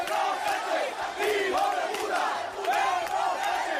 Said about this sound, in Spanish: Esos abucheos siempre se han trasladado también al ministro Marlaska.